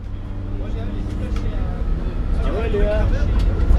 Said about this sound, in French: Nous sommes dans le bus. Nous sommes partis du lycée Brioude Bonnefond pour aller visiter l'exploitation d'un paysan meunier boulanger à Vieille Brioude.